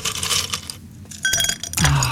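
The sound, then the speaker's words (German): Ice cubes clink and rattle as they drop into a glass of coffee on a hot morning, a few bright hits in quick succession followed by a louder clatter and a low knock, with no talking. “Schön, noch ein paar Eiswürfel in den Kaffee.”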